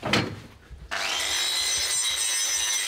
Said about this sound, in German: Diesen Feinschliff mache ich dann mit der Flex.